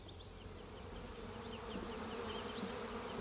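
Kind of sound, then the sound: insect, honeybees buzzing around hives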